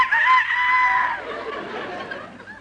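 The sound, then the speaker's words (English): A rooster crows once in the early morning, a loud, strained call that holds steady for about a second, then trails off into a rougher, fading tail with no other sounds around it. “No, that's the rooster.”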